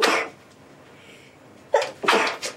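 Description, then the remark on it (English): A person sneezes, one sharp burst, then after a brief quiet pause a rapid run of two or three more explosive sneezes, loud and breathy, with no talking. “The sun is shining, the birds are chirping, and the people are sneezing.”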